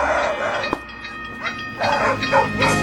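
Dogs bark in short bursts as an effect on a pop album, several yaps spaced unevenly over a steady rumbling, mechanical background.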